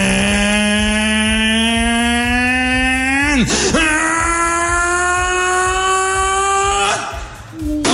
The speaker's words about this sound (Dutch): En toen begon het bootje te varen. Nou, dat had ik ook nog nooit meegemaakt. Dit is wat je hoort als het bootje gaat varen.